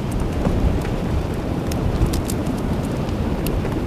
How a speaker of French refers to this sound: Les crêtes ici sont tellement imposantes, volumineuses, qu'il n'est pas rare de rencontrer ce vent.